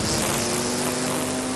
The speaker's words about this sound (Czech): Sekačky sekají.